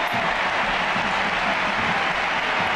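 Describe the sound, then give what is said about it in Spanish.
A huge crowd of 40,533 at the Camp Nou stadium applauds in a sustained ovation as substitutes Graham Hansen and Claudia Pina leave the pitch. Dense clapping and cheering blend into a steady roar that fills the space without pause. “La primera sustituida es Graham Hansen, que se lleva esta ovación, y Claudia Pina.”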